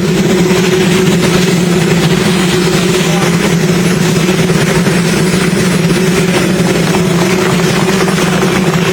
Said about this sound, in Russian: Если что, люди не аплодируют сейчас работающему вертолету, и мы должны были слышать голос Дональда Трампа, ведь да, правильно? Все верно, там была целая речь президента США, но ее заглушал двигатель стоящего рядом президентского вертолета.